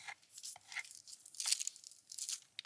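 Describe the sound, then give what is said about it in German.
Dough is spread across baking paper that has been stuck down, in short, repeated scraping and rustling strokes, moderately loud, with papery crinkles between them and no voices. “So, und siehst du, dadurch, dass ich das Papier jetzt festgeklebt habe, kann ich also auch den Teig problemlos hier verteilen.”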